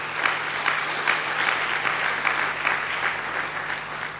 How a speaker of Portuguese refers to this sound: e os titios e as titias, deputadas e deputados, já aprovaram esta lei, por isso quero pedir uma grande salva de palmas para eles e elas.